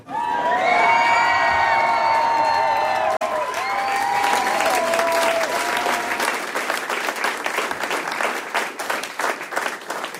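A crowd bursts into loud, sustained applause with whoops and cheering voices on top, the shouting fading after a few seconds while dense clapping carries on steadily to the end.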